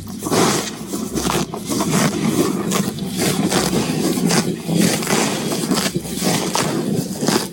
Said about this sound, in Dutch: Ja, dit is een gretig grazende koe die lekker in het natte gras ligt. Geweldig geluid.